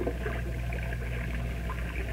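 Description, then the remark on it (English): Ocean waves breaking near shore make a steady, continuous wash of surf with a low rumbling hum underneath, even in loudness, with no voices; heard from a boat approaching land in fog. “Listen. What do you hear? Breakers. You're right. We're approaching land.”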